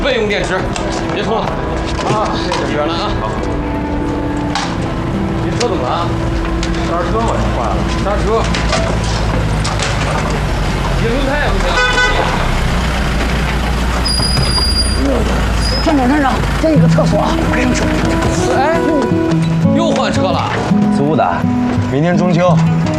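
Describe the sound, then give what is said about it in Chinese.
A large vehicle with broken brakes and bad tyres brakes hard and unevenly, with loud hissing, grinding and high squeals from the faulty brakes, while several voices talk and shout over the noise. “这车怎么了？刹车嘛，坏了，刹车！”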